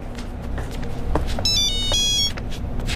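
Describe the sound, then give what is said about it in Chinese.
A phone's electronic ringtone for a work call chirps briefly in a high, bright melodic burst, lasting under a second over a steady low rumble of background noise, with no one speaking. “接个工作电话。”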